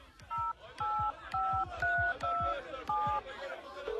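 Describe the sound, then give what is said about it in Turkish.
Seven touch-tone beeps of a phone being dialed to call someone, evenly paced and fairly loud, play over a soft, rhythmic low thumping in the background. “Çalıyor. Ama açan yok. Demek ki duymuyor.”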